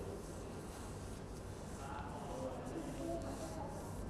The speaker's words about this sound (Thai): พับกระดาษลงไปทับรอยเดิมแล้วก็ใช้มือของเราทำยังไงลูกรูดกระดาษให้สีกระจายตัว